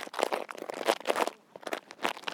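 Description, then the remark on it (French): Dead leaves being crushed and crumpled, a dense run of crisp crackling bursts that briefly thins out midway before resuming, with no voices. “On a fait des bruits de feuilles mortes, on les a écrasées et froissées.”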